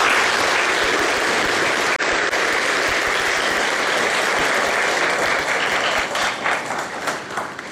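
Loud, sustained applause from a church community audience for everyone helping in the hall, a dense wash of many hands clapping that holds steady for several seconds, then thins into scattered individual claps near the end.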